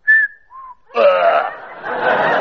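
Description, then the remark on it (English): A person whistles two short notes, a higher one dropping to a lower one, clear, presented as the two notes Rachmaninoff whistled on his deathbed as a clue to his final piano concerto; bursts of laughter follow. “He left just one clue to his final piano concerto in the shape of two notes whistled on his deathbed.”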